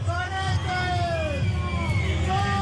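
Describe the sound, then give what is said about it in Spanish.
A large stadium crowd roars in protest at a Sancor Seguros advertisement shown during a drone light show, many voices booing and shouting insults angrily at once in a loud, continuous wall of jeers with rising and falling yells over a deep rumbling din. “Disgusto del público, indignado, con abucheos e insultos desde cualquier rincón de las gradas.”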